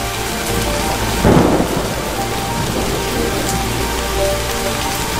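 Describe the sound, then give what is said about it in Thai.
Heavy rain pours down on a forest where animals seek shelter, in a steady, dense hiss, with a deep rumble of thunder swelling briefly near the start. No voices are heard. “สัตว์ในป่าพยายามหาที่กำบังแต่บางตัวก็ต้องนั่งตากฝน”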